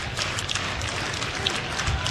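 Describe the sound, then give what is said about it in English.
A baseball crowd at a Hawkeye game cheering on a 0-2 count in a dense, steady roar, with scattered claps and shouts poking through the wash of noise at an even loudness throughout. “Crowd getting into it again.”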